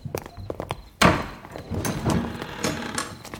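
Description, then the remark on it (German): A door is pushed open with a sudden thump, followed by a few seconds of scraping and rustling movement; light tapping clicks come just before it. No one speaks. “Hey, da hinten ist aber noch eine Tür. Vielleicht geht's da nach draußen.”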